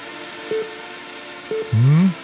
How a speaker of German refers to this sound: Es ist kein Bohrer, sondern das sind Drohnen. Ja. Die sind ein bisschen größer als eine offene Hand und mit vier Rotoren. Und das Besondere an diesen Drohnen, die fliegen ein Rennen.